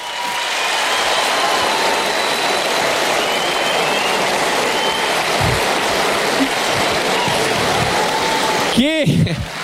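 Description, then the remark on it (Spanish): A show audience claps steadily and loudly for Pablo Aymar for nearly ten seconds, a dense wash of applause that holds level throughout, with a brief voice rising over it near the end. “El show, el público manda, así que pido un fuerte aplauso para mi amigo el señor Pablo Aymar.”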